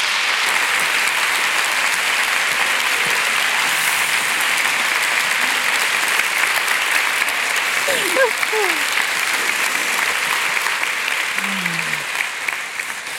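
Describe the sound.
Sustained audience applause in Frankfurt welcoming Cornelia Funke and Jagoda Marinitsch on stage, a dense, steady wash of many hands clapping at a fairly loud, even level, with a few brief voices surfacing faintly amid it.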